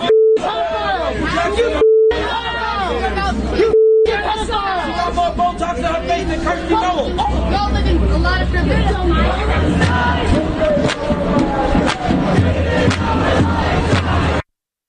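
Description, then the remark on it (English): A large pro-Palestinian protest crowd outside a kosher restaurant in the Flatiron District shouts and chants in overlapping voices, including about Jeffrey Epstein, loud and continuous throughout, with a steady electronic tone beeping in brief bursts during the opening seconds. “Does that sound like a peaceful protest?”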